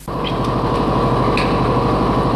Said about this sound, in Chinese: 听那个发动机声音，我心里就高兴。越野车的声音是特别大，嗡嗡，加油门的那个声音，特别激动。